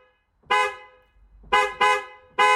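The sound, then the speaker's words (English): A car horn honks four times, loud: one long blast, a pause, two quick toots in succession, then a final honk, with no other sounds around it. “We've got a car horn.”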